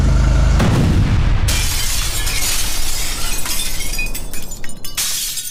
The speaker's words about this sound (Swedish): Och han svänger upp, kör Pipersgatan och precis på krönet, eller kanske någon 10 meter innan krönet där, så exploderar bomben.